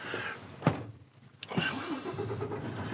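A couple of sharp clicks, then a delivery truck's engine starts up with a low rumble that rises in pitch as it pulls away and drives off, steady and fairly loud.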